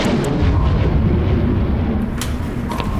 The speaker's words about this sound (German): Was war das eben? Ich hab Donner gehört.